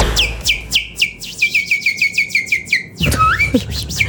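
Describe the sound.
A man, not a bird, whistles a bird-like warble: a quick run of about a dozen sharp, descending chirps, then a brief burst of louder, noisier whistled notes, clear with no talking.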